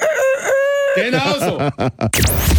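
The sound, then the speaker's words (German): A chicken-shaped egg timer gives a loud chicken-like cluck and crow: a drawn-out tone, then a run of quick warbling clucks, ending in a short burst of harsh noise. “Es ist eine Eieruhr in Hühnerform.”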